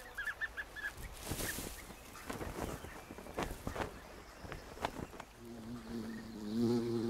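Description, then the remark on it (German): A honeybee buzzes, its steady drone growing louder toward the end, while sharp bird calls and rustling clicks break through during the first seconds. “Andere haben es auch auf die Honigbiene abgesehen.”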